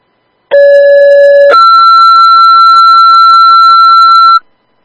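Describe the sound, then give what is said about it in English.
A loud fire dispatch pager retone for West Valley, calling a driver for an engine to respond to a fire alarm on School Street: a steady low tone for about a second, then a higher steady tone holding for roughly three seconds before cutting off. No voices are heard. “3C, do you need a retone or you have one en route? Retone.”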